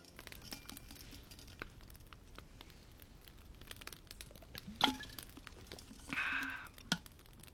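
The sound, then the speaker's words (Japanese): A campfire crackles steadily, with irregular sharp snaps and pops over a soft, quiet hiss. A couple of louder pops and a brief hissing flare stand out near the end. No one speaks. “焚き火の音が聞こえてまいりました。”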